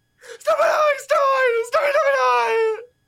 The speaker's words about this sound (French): Un homme crie. Il demande quelque chose dans une langue qui n'est celle de personne.